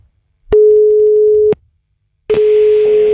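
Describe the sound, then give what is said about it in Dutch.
A loud, steady electronic telephone ringback tone sounds twice as an outgoing phone call is placed, each burst lasting about a second with a pause between, heard clearly with no talking. “Oeh, speciale beltoon.”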